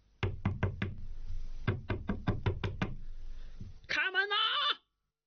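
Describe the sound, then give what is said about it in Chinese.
A rapid series of loud knocks on the door of a house during New Year drinking, about a dozen in two quick bursts, as a man bangs on it while shouting, followed by a short, wavering bleat-like vocal cry. “哪知大家正喝着呢，白吃白喝的人寻上门来了，他砰砰砰的敲门，边敲还边喊。”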